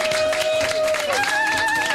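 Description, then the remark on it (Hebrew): A crowd applauds loudly and steadily for IDF Golani soldiers arriving from Tel HaShomer, the dense clapping blended with cheering voices and a thin, sustained whistle-like tone drifting over the noise. “ערב טוב חיילי צה"ל, תשאו להם מחיאות כפיים!”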